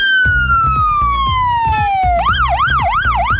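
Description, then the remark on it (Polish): A loud siren of a new ambulance of the Kraków emergency medical service in Poland glides steadily downward in pitch, then switches to a rapid rising-and-falling yelp, over a steady pulsing engine or horn pattern, with no voices. “5 nowoczesnych ambulansów zesiliło flotę krakowskiego pogotowia ratunkowego.”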